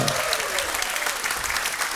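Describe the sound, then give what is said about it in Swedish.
Steady, dense audience applause for the band after a live performance fills the whole stretch, a continuous wash of many hands clapping at an even loudness with no pauses. “Och stora applåder igen för bandet.”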